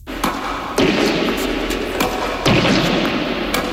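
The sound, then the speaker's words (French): Several sharp tennis racket strikes on a ball by an 88-year-old player, about four crisp pops at uneven intervals, heard over a steady wash of outdoor background noise with no talking. “Alors, ce que vous entendez, ce sont les coups de raquette d'un joueur qui a aujourd'hui 88 ans, mais qui, à la grande époque, a accompli beaucoup pour son sport.”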